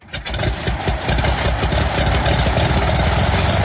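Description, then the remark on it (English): A small Cirrus propeller plane's piston engine starts up and settles into a steady, loud droning idle with a rough, pulsing low rumble, and no voices over it. “That is a Cirrus plane, and we know that Pauline has a loaner of a Cirrus plane.”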